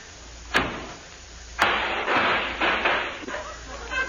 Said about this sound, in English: I guess I should have warned you about that, sir, when you slammed the door.